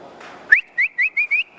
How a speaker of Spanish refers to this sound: A veces el ganado se acostumbra al silbío, ¿no? Al silbío. Por ejemplo, llegaba usted y iba a buscar la vaca de ordeño y comenzaba, como diciéndole, para el corral, y de ahí lavan la vaca. Ese era el silbido.